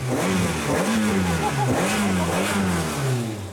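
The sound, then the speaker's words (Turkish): The AJP V8 engine of a TVR sports car, around 360 horsepower, revs hard and repeatedly, loud, its deep burbling note rising and falling in several quick blips with no voices over it. “Bu düz, basit bir çatlağı olan AJP V8, yani biraz da yarış arabası.”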